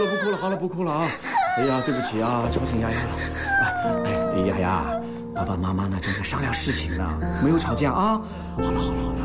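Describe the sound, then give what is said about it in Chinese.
A small child cries loudly and continuously, with wavering, high-pitched wails and sobbing gasps, while adult voices talk over the crying throughout and an adult picks the child up and soothes it. “对不起啊，来，抱抱抱抱抱抱，不哭了不哭了，好了不哭了啊。”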